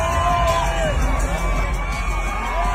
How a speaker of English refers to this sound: As the crowd reaction to seeing Giannis and Bam Adebayo walk out of the tunnel at a WNBA game last night in Las Vegas.